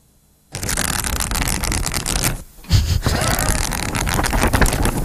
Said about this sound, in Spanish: Pasar hojas, pasar hojas. Entonces, ¿qué estás haciendo? Leyendo.